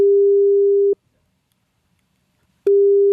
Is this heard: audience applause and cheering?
no